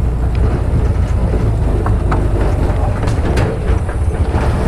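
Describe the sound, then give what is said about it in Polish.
A loud, steady engine rumble from a three-wheeled motorcycle driven by a young man, with rattling knocks and bumps as it travels along a dry, uneven forest path that is not a road but just a wider track through the woods. “Jedziemy tym trójkołowym motocyklem, ale drodzy radiosłuchacze, nie jest to droga, ale po prostu szersza ścieżka przez las.”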